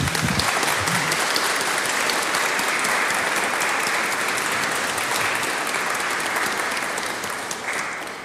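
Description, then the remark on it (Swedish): A church audience breaks into sustained, loud applause honouring someone's years of service as they receive a bouquet of flowers, many hands clapping in a dense, even wash that holds steady for several seconds and eases slightly at the end. “Och församlingen vill ge en stor varm applåd.”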